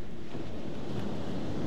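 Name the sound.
ocean waves and surf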